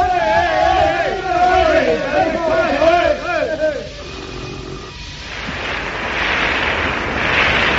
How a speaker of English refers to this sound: Three members of our studio audience, picked entirely at random, with a boat hook, are going to shout... They're going to shout in the microphone, and the one who shouts the loudest will win Buckingham Palace. Right, off you go.